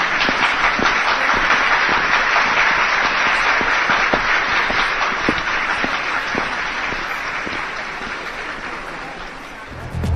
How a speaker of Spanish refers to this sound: Un aplauso, por favor.